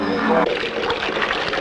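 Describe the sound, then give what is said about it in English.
Water trickles and splashes in a steady stream, with a brief humming tone at the very start before the flowing sound carries on alone. “Could we have some more water, please?”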